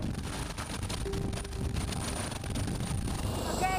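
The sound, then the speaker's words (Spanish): A loud, steady helicopter roar from inside the cabin during a training flight toward the Alps, with rapid rhythmic thumping from the rotor blades, a constant engine whine and buffeting wind noise throughout. “Mi primer vuelo en helicóptero, el miedo tengo en este momento.”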